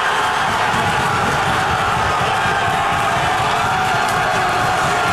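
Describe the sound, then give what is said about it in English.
A packed crowd in a pub in Montreal erupts in wild cheering after England's first goal, a loud, sustained roar of shouts and whoops filling the pub without letup for several seconds. “England's Anthony Gordon set the tone with the first goal, and at the Montreal's Burgundy Lion, the crowd went wild.”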